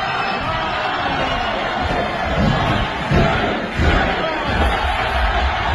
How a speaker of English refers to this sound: I mean, if the crowd pop is any indication how over Jesus is, I mean, listen to that crowd. It's going crazy. I mean, this crowd is nuts.